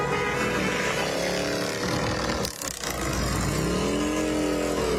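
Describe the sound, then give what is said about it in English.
About a dozen motorcycles of the Legion Riders, a veterans' group, roar past in a steady procession in good riding weather, engines revving and rising and falling in pitch as each one passes, with a loud continuous rumble throughout. “Yeah, this is good motorcycle riding weather, too.”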